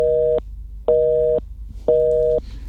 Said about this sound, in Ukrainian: Щось не так сьогодні з цим номером. Київський номер іще зірвався. Зірвалися у нас дзвінки. Не знаю, що це є, але прохання передзвонити.